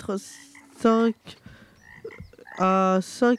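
Frogs croak in loud, resonant bursts close by, a couple of calls near the start and a pair toward the end, separated by quieter rustling background.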